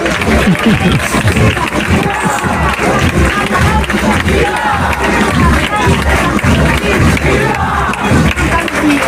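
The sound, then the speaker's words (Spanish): A large crowd shouts and cheers together in a dense, continuous roar of many voices, loud and steady throughout, with overlapping yells and chanting rising and falling in a decorated street during a morning neighbourhood procession for Santa Lucía in the barrio de Santa Catalina. “Llegamos a la calle, todo está decorado, se busca el momento exacto y comenzamos todos a gritar.”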